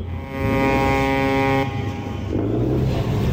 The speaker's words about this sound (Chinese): 船灯越来越亮，马达声大过了海浪声